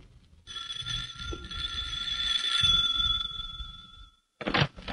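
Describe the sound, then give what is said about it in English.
A doorbell at Amelia's house, rung by Jack, sounds in one long, steady, high-pitched buzzing tone lasting several seconds over a low rumble, then stops abruptly and is followed by a brief burst of rustling noise. “As we join them, Jack is ringing the doorbell.”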